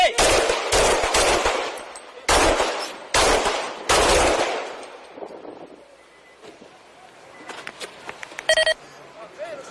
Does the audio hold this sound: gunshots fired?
yes